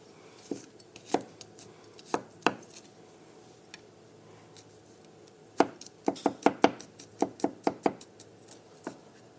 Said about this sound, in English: So for the tahini sauce, we're going to start by chopping up some garlic.